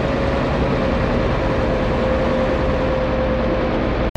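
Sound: motor boat engine departing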